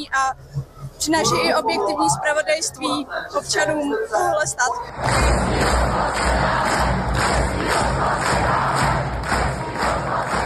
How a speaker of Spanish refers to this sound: La marcha terminó con miles de manifestantes cantando el himno checo y aplausos